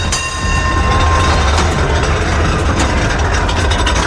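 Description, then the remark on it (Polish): An old prewar SN1 tram car from Wrocław rolls along its rails, a steady loud rumble with a faint whine and scattered wheel clicks and clacks, no voices. “No a do tramwajów śląskich pojechał nasz wagon przedwojenny, wagon SN1.”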